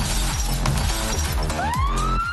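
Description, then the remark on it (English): Loud, dense crashing of glass shattering and breaking, with sharp bursts throughout, joined midway by a rising siren wail that swells over the clatter. “Let's get crunk, shattered glass, trash the beach, rev our loud and unset engines.”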